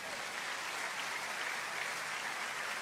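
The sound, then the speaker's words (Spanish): An audience breaks into sustained applause for God, a dense, steady wash of many hands clapping at once with no voices rising above it. “¿Alguien puede dar un aplauso a Dios?”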